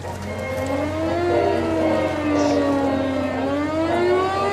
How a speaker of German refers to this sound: Dann, kurz nach dem Einlaufen in La Rochelle, heulen die Sirenen und alliierte Jagdbomber stürzen vom Himmel.